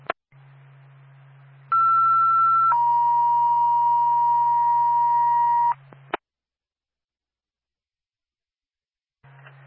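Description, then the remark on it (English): A two-tone radio dispatch page from Twin State to Bethlehem Ambulance over a low steady hum: a brief higher tone for about a second, then a long, lower held tone for three seconds, ending in a squelch click and silence. “Twin State to Bethlehem Ambulance, stand by for second tone.”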